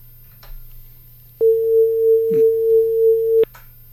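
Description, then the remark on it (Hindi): A steady, clear telephone line tone hums for about two seconds after a caller's phone line cuts out, starting and ending with sharp clicks, over a faint low background hum. No one speaks. “जी कार्यक्रम में स्वागत है आपका, और हमारे लिसनर्स फोन तो कर रहे हैं लेकिन बीच में उनकी फोन लाइन कट हो जा रही है और हमारी कोशिश है कि उनको ऑनलाइन हम करें।”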